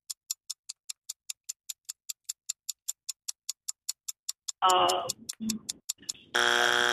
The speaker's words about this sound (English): Oh, that's our buzzer. Oh, no way. Oh, my God, that went so fast.